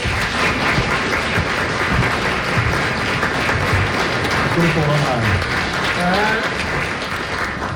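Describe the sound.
A hall full of people applauds: dense, steady clapping fills the whole stretch at an even, loud level, with a few voices calling out partway through.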